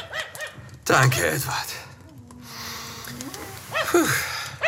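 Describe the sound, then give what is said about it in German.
A restless dog lets out a few sharp barks and yips between stretches of panting while a man speaks over it. “Versuchen Sie dann auch, den Hund etwas zu beruhigen.”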